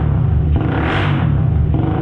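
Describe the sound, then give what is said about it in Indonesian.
A loud motorcycle with a modified exhaust revs up, its deep rumbling roar swelling in the middle before settling back to a steady throaty idle. “Suara motor yang kayak gini yang aku pengenin.”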